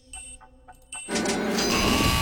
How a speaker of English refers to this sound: Just ahead of the buzzer, you got that answer in.